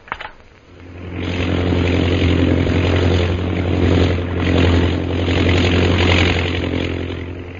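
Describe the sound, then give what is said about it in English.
The propeller engine of a chartered airplane at Shanghai, bound for Mandalay, drones steadily, starting up after a brief quiet moment and then holding a loud, continuous rumble with a throbbing low hum throughout. “So Jungle Jim, Kolo, and Peter Hawkins board the chartered plane at Shanghai, Mandalay bound.”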